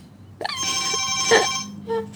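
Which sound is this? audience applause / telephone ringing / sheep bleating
telephone ringing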